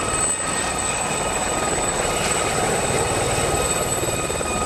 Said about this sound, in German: Er kippt sie sozusagen. Dadurch wird die Luft dann nicht mehr nur nach unten weggedrückt, sondern auch zur Seite. Der Hubschrauber fliegt also nicht mehr nur nach oben, sondern auch nach links oder rechts.